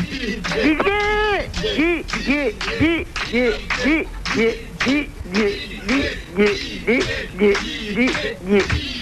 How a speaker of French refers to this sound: Si vous m'entendez, écoutez le public qui crie mon prénom.